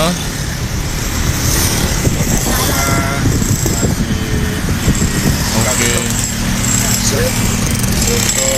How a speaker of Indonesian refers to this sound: Wah, motor-motor melintas di jalan yang di motor silakan lewat deh gitu.